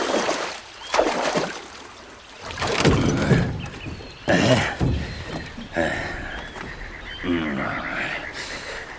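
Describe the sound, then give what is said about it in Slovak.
Oars dip and pull through water in a series of uneven strokes, each bringing a rush of splashing and sloshing as a ferryman rows a small boat across to the other bank. “Poriadne zaber, nech sme čím skôr za vodou.”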